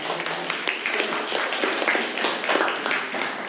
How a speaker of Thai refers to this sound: ตอนนี้นะครับนักเรียนก็คือตอบจากแผนภาพก็ถือว่าเป็นคำตอบที่ใช้ได้เลยทีเดียวนะครับนั่งลงครับนักเรียนปรบมือเพื่อนเลย